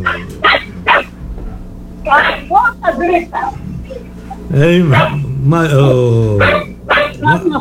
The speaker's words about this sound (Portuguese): Essa aí é a Pitoca. A Chamadrica. É linda, muito bonita a vozinha, mas. A hora que tá com raiva também late até.